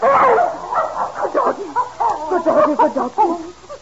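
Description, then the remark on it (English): A dog that has started digging barks and yips in a quick, excited string of short, loud calls, continuing without pause for several seconds with no one speaking. “Oh, that blasted doggy's gone and started digging under Master's...”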